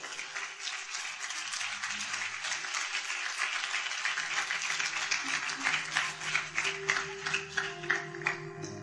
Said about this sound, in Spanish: ¿Alguien puede dar un fuerte aplauso al Señor?